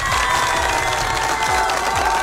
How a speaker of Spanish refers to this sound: Y por eso le deseamos un feliz cumpleaños. Fuerte los aplausos para este cumpleañero el día de hoy.